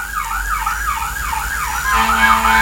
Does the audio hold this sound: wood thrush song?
no